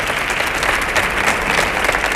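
Steady, dense applause from an audience welcoming a comedian who will tell funny stories, a continuous wash of many hands clapping at a fairly loud, even level with no voices standing out.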